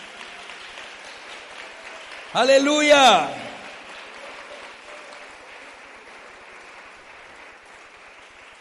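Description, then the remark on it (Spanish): An audience claps steadily for the Lord throughout, a dense wash of applause that holds its level and fades slightly toward the end, with a single loud shouted exclamation bursting over it early on. “¿Cuántos le damos un aplauso al Señor?”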